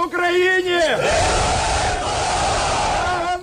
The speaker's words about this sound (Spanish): Así se ha recibido en Ucrania los 205 prisioneros de guerra entregados por Rusia en las últimas horas, una caravana de autobuses que anunciaba los abrazos y aplausos emocionados al recibirlos de nuevo en casa.